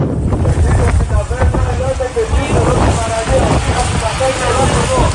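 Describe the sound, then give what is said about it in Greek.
Coast guard boats motor toward Preveli beach, which is surrounded by a wildfire front. Their engine drone mixes with heavy wind buffeting from gale winds of force 8 Beaufort and the wash of water, while indistinct voices carry faintly through the steady, loud noise. “Ναύοι του λιμενικού προσεγγίζουν την παραλία της Πρέβελης που έχει περικυκλωθεί από το πύρινο μέτωπο.”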